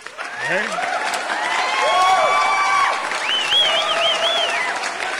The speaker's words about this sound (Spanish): Un aplauso bien merecido.